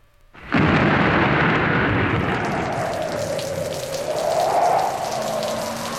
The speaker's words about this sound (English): It's a stormy night on Interstate 80. You're driving east, and the rain is coming down heavy on the windshield.